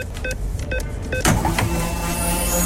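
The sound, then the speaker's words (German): The Radio Regenbogen sound effect for loading the 500-euro free fuel card during the radio programme: three quick electronic bleeps at a steady pace, then a sudden whoosh and a sustained humming tone with a faint high shimmer. No one speaks. “Achtet gerne drauf, sobald wir die Karte mitten im Programm aufladen.”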